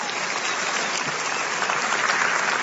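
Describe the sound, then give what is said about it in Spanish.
A church audience claps steadily and loudly for God during a sermon, a dense continuous patter of many hands with no voices standing out, holding an even level throughout. “Vamos, dale un aplauso, dáselo fuerte a Él.”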